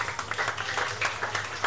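An audience applauding a competitor after a race at the PGK Circus, a dense, steady wash of many hands clapping at once, fairly loud and sustained with no voices standing out.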